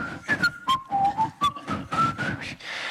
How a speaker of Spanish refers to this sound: Un momento de verano azul en el cual todo Donosti silbará.